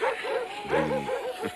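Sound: sled dogs barking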